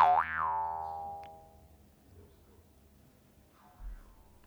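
A bright, twangy boing magic sound effect with a wobbling pitch rings out at the start and slowly decays over a second or so, followed by quiet background and a faint low thump near the end.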